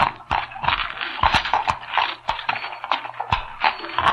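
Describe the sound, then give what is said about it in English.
Horses' hooves clop along at an uneven walking pace, sharp loud knocks overlapping from several animals over a steady rustling hiss as they are led into an old mine entrance, with no talking. “And this is an old mine entrance, high enough to lead our horses in.”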